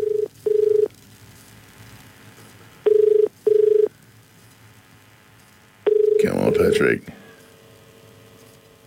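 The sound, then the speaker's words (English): A phone line gives a steady double-pulse ringing tone, repeated three times at an even pace, then a short burst of rustling noise as the call connects, leaving faint line hiss. “I think I might actually give Patrick a call now, and we'll just see if we can get on to Patrick”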